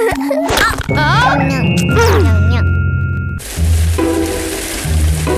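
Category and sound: nature, rain falling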